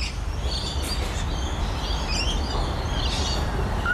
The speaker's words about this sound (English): I've got to find out what this bird is. Look, if someone else is listening and you are a birder and you're better than the app, please tell me what this bird is.